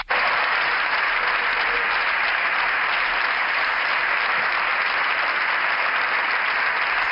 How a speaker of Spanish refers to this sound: Se levanta la bancada popular para aplaudir esta intervención de Alberto Núñez Feijóo, que ha terminado asegurando que él se va a encargar de acabar con todo esto.